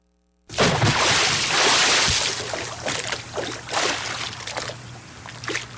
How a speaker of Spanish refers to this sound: Ahí quedó el baldazo con agua, ¿eh?